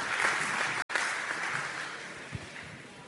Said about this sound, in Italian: All'onorevole Chiara Colosimo, la Presidente della Commissione parlamentare antimafia, che è una delle nostre ospiti qui. E anzi, nell'attesa, benvenuta onorevole, si accomodi. Un applauso, facciamo un applauso.